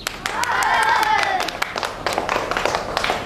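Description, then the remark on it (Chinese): A group of schoolchildren clap in a quick, scattered burst of applause welcoming an army officer to their class, steady and fairly loud, with bright voices mixed in and a rising, excited murmur over the top. “我们用掌声欢迎他。”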